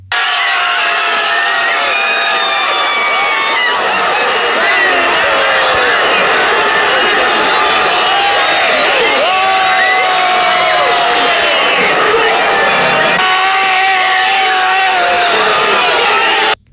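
A large stadium crowd roars continuously at a football match between Mexico and Ecuador, with overlapping shouts, whistles and cheering that swell loudly throughout, dense, with no single voice standing out.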